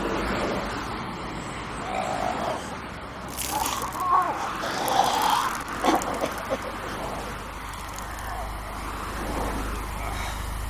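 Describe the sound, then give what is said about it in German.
A steady rumble of road noise inside a moving chauffeur-driven car runs throughout, with a busier stretch of brighter sounds and faint, indistinct voices near the middle. “Ich fahre Sie, wohin immer Sie wollen, Monsieur. Dieser Wagen wurde ausschließlich für Sie reserviert.”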